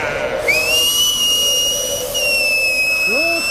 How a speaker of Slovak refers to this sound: Zase stváraš, človeče! Pískam! Na hvízdanie som tu ja! Svojím pískaním!